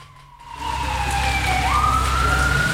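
A Carabineros police patrol car siren wails loudly, its tone sliding down and then jumping back up as the car speeds past at high speed along Las Heras street, over a constant rumble of traffic.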